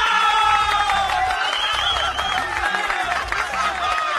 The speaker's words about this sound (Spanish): A ver, fuerte los aplausos a los amigos de Volante.